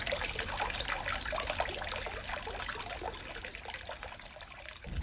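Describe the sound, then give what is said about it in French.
Water trickles and burbles steadily over stones in a river, a continuous babbling with bright splashy detail and a low rushing undertone, no voices present. “Et voilà, c'était un son des voix de l'eau, l'avant-dernier.”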